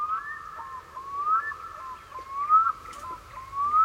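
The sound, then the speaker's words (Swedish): Long, mournful wailing calls of a black-throated loon, rising and sliding tones repeating in slow succession across open water, clear and moderately loud with no voices. “där är det storlom som, och de skriker som barn som är i ångest.”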